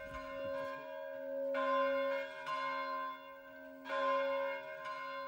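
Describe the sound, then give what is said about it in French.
A church bell, rung by hand, rings out in a steady sequence of rich, sustained strikes, each tone ringing on and overlapping the next, loud with no voices. “J'ai sonné la cloche, mais bon, maintenant j'hésite parce qu'on a des fissures dans le clocher et puis les paliers, tout ça, on les a graissés.”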